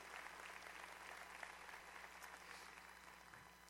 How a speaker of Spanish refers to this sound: Todavía no muy lo cree, ¿verdad? Solo 1500 aplaudieron.